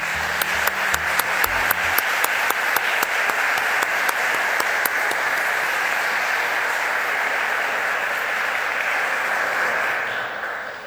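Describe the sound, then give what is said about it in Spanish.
An audience claps steadily for about ten seconds, a dense, sustained wash of applause with a few sharp claps near the start, tapering off at the end. The applause is for historian Dr. Filomeno Aguilar at his investiture as international honorary professor, at the lecture 'México y Filipinas, el inicio del comercio mundial'. “la ceremonia de investidura como profesor honorario internacional al doctor Filomeno Aguilar, destacado historiador, para quien pido un fuerte aplauso.”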